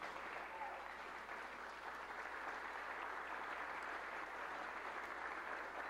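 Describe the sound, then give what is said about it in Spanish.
Sustained standing applause from a large crowd welcoming 15 Mexican Red Cross rescuers and 4 canine teams returning from earthquake rescue work in Venezuela, a dense, steady wash of clapping hands with no breaks. “Honor a quien honor merece, el aplauso de pies para los 15 rescatistas y 4 binomios caninos de la Cruz Roja Mexicana que viajaron a Venezuela tras los devastadores sismos del pasado 25 de junio.”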